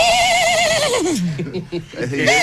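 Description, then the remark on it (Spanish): A person vocally imitates an old engine starting up, a wavering high-pitched rising and falling cry that ends up sounding like a horse's whinny, loud, about two seconds long. “¿Lo que quisiste hacer realmente era un motor, no era un caballo?”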